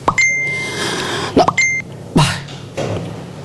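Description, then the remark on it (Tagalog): A cellphone notification for an incoming chat message beeps twice, each a steady, clear electronic tone, with short sharp bursts of noise in between and after; no one speaks. “May notification.”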